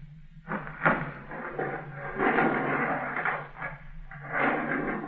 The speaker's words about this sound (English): Here we are. Pull the door open. All right.